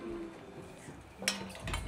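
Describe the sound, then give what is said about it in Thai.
Tom yum ingredients being dry-roasted without oil in a pot and stirred, with a low steady hiss of heat, soft scraping and one sharp metallic clink of a utensil against the pot partway through. “ใช่ครับเครื่องต้มยำเราเสร็จแล้วเราก็จะตั้งหม้อต้มเลยครับนี่คือเราจะคั่วเครื่องครับ”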